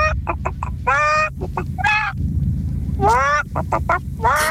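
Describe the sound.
Someone imitates a clucking hen in a message sent in by a listener: quick clipped clucks break into drawn-out, rising squawks, repeating in a lively pattern for a few seconds with no other talking.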